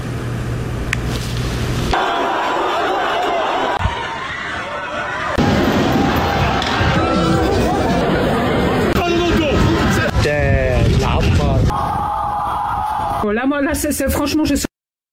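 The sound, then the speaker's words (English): A rioting crowd clashing with police in Brussels, with rocks and fireworks thrown at police, fires started, and tear gas and water cannons deployed: a loud, chaotic din of shouting voices and scattered bangs, shifting abruptly between noisy scenes, with high wavering tones rising near the end. “Rocks and fireworks thrown at police, fires started, public property damaged, tear gas and water cannons deployed.”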